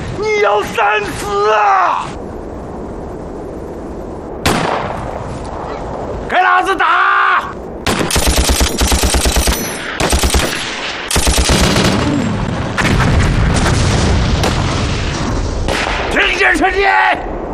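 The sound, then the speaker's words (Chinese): Loud bursts of rapid machine-gun fire mixed with sharper rifle shots rattle on in long, dense volleys, following some shouted voices at the start. “哎呀，李团长，你别开玩笑了，兄弟，我看见的是你的机枪、迫击炮啊！ 你大当家的，既然出尔反尔，抗拒改变，那就别怪我的枪炮不认人了。”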